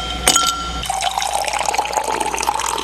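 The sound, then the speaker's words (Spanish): A brief clatter of ice knocking in a glass, then a steady pour of liquid over the ice that gurgles and bubbles for a couple of seconds as the glass fills. No one speaks. “Primero sirvamos algo con hielito, ¿vale?”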